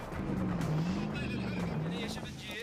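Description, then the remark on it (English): ATV engines roar loudly and continuously as young people show off drifting on soft sand at a beach in Misrata, Libya, on a Friday night, the pitch rising and falling as they rev and drift, with a gritty hiss of churned sand and wind noise throughout. “Young people come to show off what their ACVs can do. The sand flies, the engines roar.”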